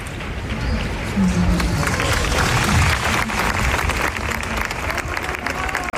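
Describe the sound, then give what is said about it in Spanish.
A crowd at a protest camp assembly in Sol claps steadily after a minute of silence, the dense applause filling the space from start to finish with scattered voices murmuring underneath, fairly loud. “Enseguida han llevado a cabo un minuto de silencio que terminaba en aplausos, como los que escuchamos ahora.”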